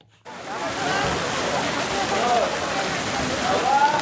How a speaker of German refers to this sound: Aus einem dicken Rohr schießt Wasser in das Becken, Jugendliche springen hinein.